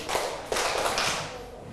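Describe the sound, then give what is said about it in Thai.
A group of children clap their hands five times in a quick, steady series of sharp claps, moderately loud, with no talking. “ถ้าสำรวจเรียบร้อยแล้วตัวตรงนะครับปรบมือ5ครั้ง”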